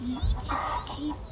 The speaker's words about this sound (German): Man hört es chiepen im Unterholz.